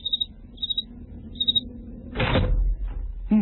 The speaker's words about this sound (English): Open the door and listen. Is that the sound of prospective employers lined up outside, job opportunities in hand, waiting to talk to you?